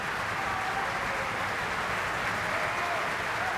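Sustained applause from a large opera-house festival audience as singer Jennifer Holloway, who played the trouser role of Adriano, bows and applauds the festival orchestra in the pit: many hands clapping in a dense, steady roar that holds at an even loudness throughout, with no single claps or voices standing out.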